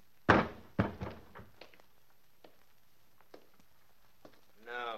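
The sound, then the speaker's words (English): A man's body hits the floor with two heavy thuds in quick succession, followed by a few faint knocks as it settles; a brief voice sound comes at the very end. “His mouth opened like he had something to say, and then he dropped.”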